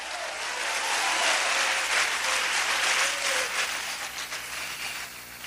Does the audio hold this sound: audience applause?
yes